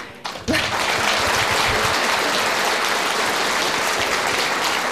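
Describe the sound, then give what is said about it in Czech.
A studio audience of the show Tobogán bursts into sustained applause, loud and steady clapping for several seconds after a brief quieter start. “Když dovolíte, tak ten potlesk posíláme nahoru jim.”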